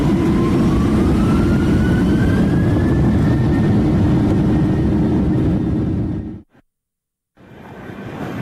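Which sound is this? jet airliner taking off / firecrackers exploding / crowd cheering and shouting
jet airliner taking off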